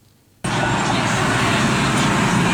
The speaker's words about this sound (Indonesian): Kelihatannya ada mobil kol diesel trouble. Ban kiri lepas ban kelihatannya dua-duanya.